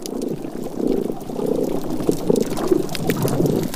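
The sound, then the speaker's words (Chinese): Damselfish calling underwater on a coral reef to defend their territory: a run of low, buzzing pulsed grunts repeating about every half second, set against a constant crackling, watery hiss. “一些雀雕会发出声音保卫领地。”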